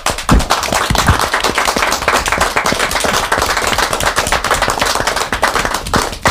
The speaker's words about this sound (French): Nous l'acceptons et on va peut-être pouvoir rajouter des applaudissements. Allez, un applaudissement spontané.